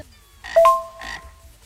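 Two raspy, buzzing croaks like a toad, a louder one followed by a slightly softer one, clear with no voices.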